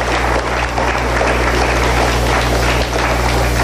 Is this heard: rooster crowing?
no